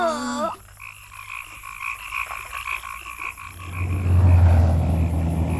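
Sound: frogs croaking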